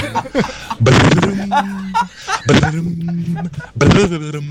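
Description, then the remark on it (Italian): A caller to the radio show Belli Svegli imitates a harp with their mouth: three bursty, breathy strums, each followed by a steady held tone, in a loud, uneven sequence. “Non è vero, ma non fa mai così l'arpa. È difficile farla con la bocca, però.”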